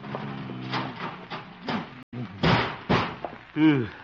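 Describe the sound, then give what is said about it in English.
A heavy filing cabinet is scraped and shoved against a door to barricade it, with several loud thuds and bumps, while a voice grunts and strains in between. “Filing cabinet.”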